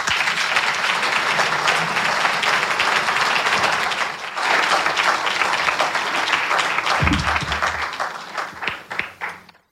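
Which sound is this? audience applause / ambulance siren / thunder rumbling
audience applause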